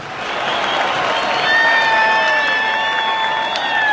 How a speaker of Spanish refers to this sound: Fuerte, fuerte el aplauso para estos niños.